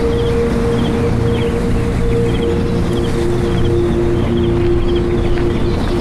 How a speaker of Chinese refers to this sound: 这里的植被大部分是原生林，山上的风吹过了千百年，我相信我跟陆游一定听到的是同样的风声。